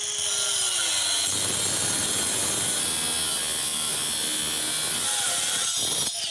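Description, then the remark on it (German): An angle grinder with a diamond disc cuts through a bike lock, a loud, continuous high-pitched metallic screech, steady throughout with a brief motor whine at the start and no voices. “Deswegen würde ich mal sagen, wir fangen mit der Flex an.”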